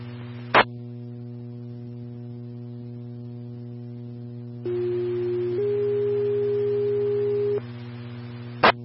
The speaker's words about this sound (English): Medic 1, stand by for tones.